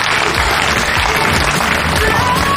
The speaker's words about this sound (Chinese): 接下来就请上我们的2号女嘉宾，好吧？来，掌声有请。